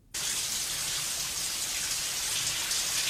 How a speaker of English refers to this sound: It's raining. It's not. It's a shower. Oh, it's a shower scene.